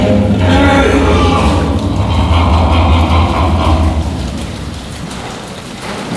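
A hippopotamus vocalizes with a deep, heavy rumble, loud and sustained with a throbbing, grunting texture, gradually fading over the last couple of seconds.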